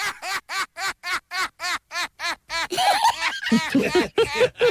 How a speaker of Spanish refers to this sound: Una gaviota pasó por aquí